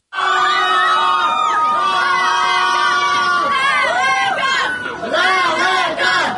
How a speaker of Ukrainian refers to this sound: Останні хвилини очікування. І от вже за кілька секунд перон вибухає гучними оплесками.